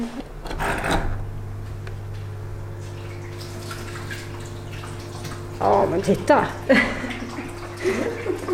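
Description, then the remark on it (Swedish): Water trickles and splashes steadily down a stone-clad wall along one side of a new toad terrarium, forming a built waterfall, over a low constant hum, with a short burst of speech at the start and louder splashing toward the end. “Vattnet pålar ner för ena sidan av det nya terrariet längs en vägg klädd med stenar.”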